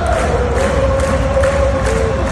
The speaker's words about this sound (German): Mehr als einmal hatte ich Hühnerhaut, wenn die ganze Arena zusammen singt während dem Match.